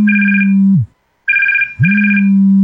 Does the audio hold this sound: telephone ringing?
yes